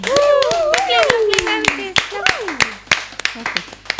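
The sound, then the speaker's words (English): An audience claps steadily and unevenly, while several voices whoop and cheer over the sharp hand claps throughout. “Can we have a big applause or some kind of appreciation in the room for the rose?”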